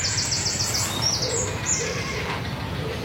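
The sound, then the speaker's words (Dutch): A steady chorus of bird calls from birds at their nests, with a series of rapid high chirps early on over a dense, rough, low churring and grumbling from many birds together, with no voices. “Het is een scala aan geluiden. Ja. Ja, soms grommen ze bijna, hè?”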